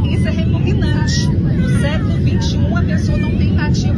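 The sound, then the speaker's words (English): A steady, loud low-frequency roar like an airliner cabin in flight fills the whole recording, with indistinct voices talking over the constant engine drone. “I think if you hear the background noise, they're in the air.”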